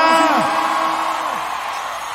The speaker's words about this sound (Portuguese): Pode bater palma e fazer barulho, Brasília!